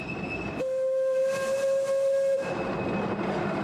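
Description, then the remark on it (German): A steam locomotive on the Alishan Railway, a forest railway in the Alishan Mountains, sounds one long, steady, loud whistle blast of nearly two seconds, set against a continuous broad hiss of steam that carries on before and after it. “Wir sind unterwegs auf einer Waldbahn in den Alishan-Bergen. Die Dampflok ist nur noch selten im Einsatz.”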